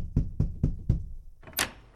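Four firm, evenly spaced, solid knocks on a door, followed by a short, brighter rattling sound a moment later.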